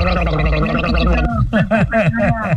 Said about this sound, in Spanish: Ay, te mando unas gárgaras.